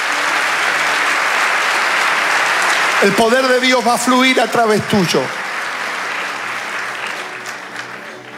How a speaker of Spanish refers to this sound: Vamos, dale el aplauso al Señor.